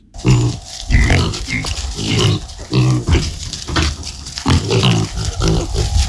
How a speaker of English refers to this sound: The first thing I saw this morning when I arrived was the pigs performing a range of tricks. And this is the moment one of them worked out that he had to press a button to get a treat.